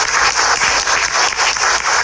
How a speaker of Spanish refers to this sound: Fuerte los aplausos.